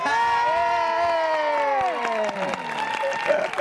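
An audience claps steadily for a song performed in a stage play while cheering rises over it, with a long, high sustained vocal tone gliding downward above the dense, loud patter of applause throughout.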